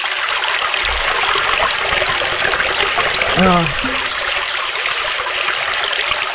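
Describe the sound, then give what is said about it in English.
A babbling brook flows steadily, its bright, hissing rush of water constant throughout, with a brief voice-like sound surfacing for a moment midway. “You ask for babbling brook and it gave you water noise like that?”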